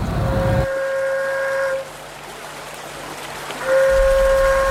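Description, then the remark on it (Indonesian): Two long, steady blows on a traditional trench flute (seruling parit), blown along the canals of Sungai Putat to call buyers for the goods being brought, a sustained horn-like tone with a gap between them, heard outdoors over a low rumbling background with no voices. “Maka kemudian seruling parit ini ditiupkan untuk menarik minat atau pelanggan untuk membeli bawa barang bawaan mereka.”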